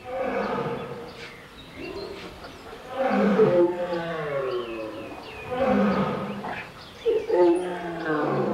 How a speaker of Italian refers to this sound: dall'altra parte leoni in piccoli monitor, leoni ripresi in gabbie, leoni, tigri. E l'unico suono che si sentiva umano era quello dello zoo.